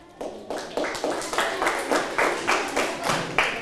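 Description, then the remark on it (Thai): A group of children in a classroom claps together in a steady, rhythmic beat, about three claps per second, loud and continuous for several seconds with no voices over it, applauding classmates in group 1 for a correct answer in a maths lesson. “ได้เป็น361ตารางเซนติเมตรเป็นคำตอบที่ถูกต้องครับปรบมือให้เพื่อนกลุ่มที่1หน่อยค่ะ”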